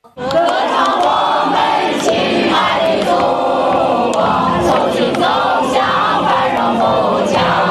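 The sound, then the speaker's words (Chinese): A large concert crowd at an evening National Day concert of patriotic red songs by Nanhu lake in Bozhou, China, roars and cheers in a steady, dense wash of many voices, with pitched shouts rising above it, loud and unbroken for the whole stretch. “整场音乐会以国庆祝福为主线，一首首耳熟能详的红歌接连上演，台下观众热情呼应，演出推向高潮时，全场共同唱响爱国歌曲，不同年龄段的观众并肩而立。”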